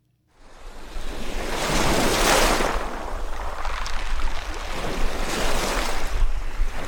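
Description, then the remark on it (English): Lake Ontario waves wash up onto the shore at Mexico Point State Park in Oswego County and draw back in broad, swelling surges, a steady hiss of water rising and falling on a morning, with no voices. “Lake Ontario's waves push briefly ashore, then pull back, a rhythm as old as the earth itself.”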